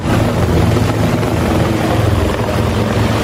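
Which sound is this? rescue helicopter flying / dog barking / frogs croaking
rescue helicopter flying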